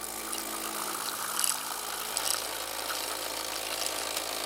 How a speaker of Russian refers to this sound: Штаб альтернативного кандидата в мэры испытывает новую кофемашину. Мне там еще хватит? Еще пара порций.